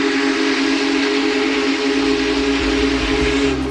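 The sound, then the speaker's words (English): A Big Boy steam locomotive whistle blows one long, deep, steady blast, loud, with a breathy hiss of steam and a low rumble beneath it throughout. “And if not, the big boy's whistle will most certainly remind them.”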